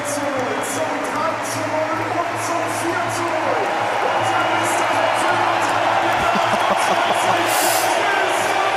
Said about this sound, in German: Und ihr hört es ja, was der Nusa hier für eine Applauslawine bekommt.